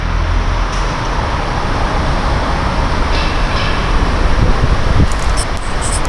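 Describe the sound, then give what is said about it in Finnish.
A train rumbles past the Liesikuja parking garage beside Myyrmäki railway station in Finland, a steady loud roar of wheels on rails with faint metallic squeals near the end, with no talking. “parhaillaan olen Liesikujan pysäköintitalossa, joka sijaitsee Myyrmäen juna-aseman kupeessa.”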